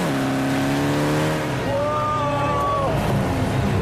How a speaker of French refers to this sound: Alors, qu'est-ce que t'en penses? T'es toujours un môme. Moteur 208 chevaux. 1,9 litre turbo. 400 mètres en 11 secondes 8.